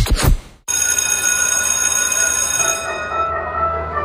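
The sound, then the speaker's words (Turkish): A school bell rings continuously after a brief loud burst, its bright sustained tone steady and fairly loud, then tapering slightly near the end. No one speaks. “Oh, ne güzel çalıyor değil mi? Ya, insanın içine huzur veriyor. Anne babaların bu ara en sevdiği parça okul zili.”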